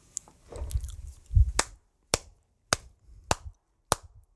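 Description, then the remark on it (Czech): A few slow, evenly spaced handclaps, about five sharp claps roughly half a second apart, coming after some muffled low thumping and rustling. No one speaks. “Slyšíš to, jo? Slyšíš ten potlesk, jo?”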